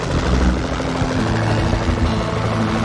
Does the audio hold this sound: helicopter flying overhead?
yes